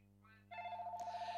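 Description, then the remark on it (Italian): A telephone rings with a steady, warbling electronic tone that starts abruptly and pulses rapidly, clear over a low background hum, before the call, number 2, is picked up. “Eccolo qui, prendiamo il telefono, è la numero 2, sì, 51.”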